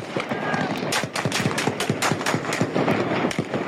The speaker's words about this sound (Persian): ساعت 10 که میشه شروع میکنن به تیراندازی، اصلا نگاه نمیکرد، کلاشو میگرفت راست، همونطوری کلاشو میگرفت سمت چپ.